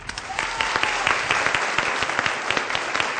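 Sustained applause from a group, many hands clapping in a dense, steady wash with a few sharper individual claps standing out, fairly loud throughout with no talking.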